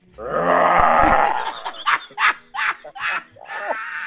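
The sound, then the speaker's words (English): A loud, rough tiger roar swells up and holds for about a second, then breaks into several breathy, snarling bursts that trail off. It sounds forceful, with no talking. “Give me the tiger again. Give me the tiger.”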